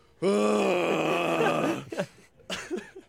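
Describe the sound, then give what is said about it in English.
A voice mimics a loud, yelling snore: one long, strained, groaning bellow lasting over a second, forceful, followed by a couple of shorter, breathy sputters. “Are you one of those that just like yells as a snore?”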